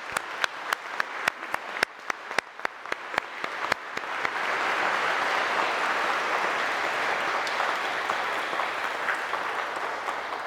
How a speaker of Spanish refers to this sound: Un fuerte aplauso a la Santísima Virgen María.